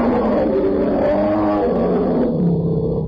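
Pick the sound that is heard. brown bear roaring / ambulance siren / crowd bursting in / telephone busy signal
brown bear roaring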